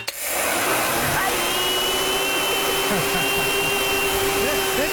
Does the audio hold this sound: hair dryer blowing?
yes